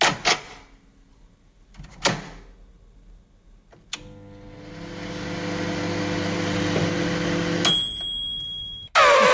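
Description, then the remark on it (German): A microwave oven in use: a couple of door clicks, then a steady electric hum for several seconds, ending in a sharp high beep and the door popping open. “Genau, unsere Mikrowelle, stimmt.”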